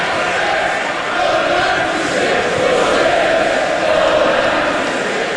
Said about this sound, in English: For 2 minutes, the crowd chanted for justice for those who died.